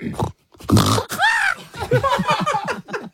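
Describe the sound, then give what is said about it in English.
A person vocally imitates a pig that stubs its toe: a loud grunting snort, then a rising, wavering squeal followed by a run of choppy, yelping squeaks, continuous for about three seconds. “I would like you to be a pig that that stubs its toe.”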